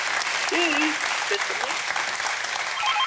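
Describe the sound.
A crowd applauds steadily for about three seconds, a dense, even wash of clapping at constant loudness, with a faint voice briefly audible beneath it.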